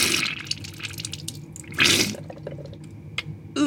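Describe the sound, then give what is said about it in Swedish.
A nasal rinse with lukewarm salt water squirted into the left nostril, done leaning over a washbasin at home with a nasal rinser: wet, sputtering trickles and drips spill into the basin, rising to a brief louder gush midway before settling into soft dribbles and a final splash. “Upp i min vänstra näsborre sprutar jag ljummet saltvatten.”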